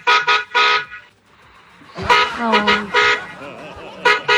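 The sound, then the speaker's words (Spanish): Several short car horn honks sound in quick bursts, loud, with a pause before more honking resumes alongside voices talking. “Ay, otro pitico.”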